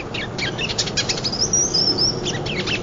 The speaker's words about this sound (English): These birds won't be moving through much longer. Gotta try to get them. Oh, there he is, in the distance.